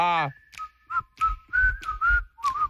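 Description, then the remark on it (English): A person whistles a short, wavering tune of several breathy notes, with a brief vocal sound at the very start. “Can you whistle?”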